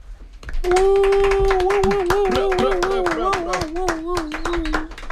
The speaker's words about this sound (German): Hoch das Radio, hoch der nächtliche Unsinn und hoch unsere beiden Helden am Mikrofon, die Scheren der Bilder, die Spreu vom Weizentrenner. Applaus für